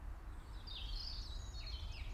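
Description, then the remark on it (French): A Eurasian wren sings, a rapid run of high, sharp trills and warbles that rises and falls over a steady low outdoor rumble. “Troglo.”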